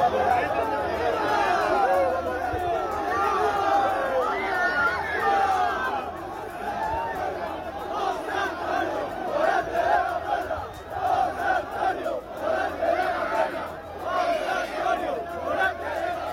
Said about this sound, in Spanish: Puerta del Príncipe de la Maestranza de Sevilla, a hombros de una multitud de aficionados que no dudó en agasajarlo con vivas, aplausos y gritos de su nombre. Tal fue la intensidad del momento que la multitud lo llevó a hombros hasta el Hotel Colón.